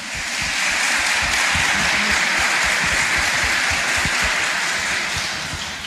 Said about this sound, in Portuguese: Uma salva de palmas para o nosso bispo.